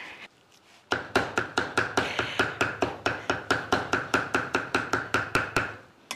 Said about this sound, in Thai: เสียงนี้เป็นอีกหนึ่งเสียงที่หายไปจากครัวเรือนไทยหายไปพร้อมๆกับเสียงขบเครื่องเวลาสับเนี่ยคุณผู้ชมก็กลับหมูแบบนี้ส่วนที่มันยังชิ้นใหญ่เนี่ยมันก็จะได้โดนมีดแล้วด้วย